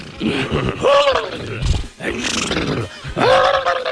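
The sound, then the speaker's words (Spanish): A person imitates horses neighing, letting out several loud, strained whinnying cries back to back, with no other sounds around them. “Se fueron allá y los caballos hacían así, ¿no?”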